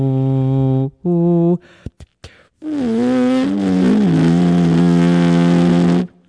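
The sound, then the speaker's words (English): A voice makes a buzzy lip-buzz sound while humming in the throat at the same time, first in two short bursts, then a longer sustained wavering tone, fairly loud, a raspy doubled drone. “And this is me humming.”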